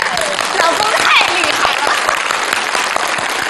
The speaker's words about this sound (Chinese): 成功了， 鼓掌。